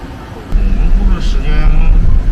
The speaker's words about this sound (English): Right now, I'm inside the truck. I'm with the truck driver and his helper, and we're on our way to the garbage compression transfer center to see what's the next step.